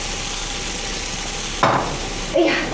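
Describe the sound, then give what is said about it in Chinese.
Fish sizzles and burns steadily in a hot pan, a constant hiss of frying, with two sharp metallic clanks of a utensil striking the pan partway through. “哎呀，鱼糊了。”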